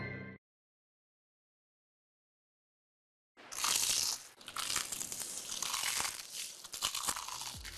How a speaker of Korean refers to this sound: 크럼프를 입혀 크런치하고 크리스피하다. 크크크 치킨 바삭함의 끝판왕. 맛있는 육식의 치킨 크크크.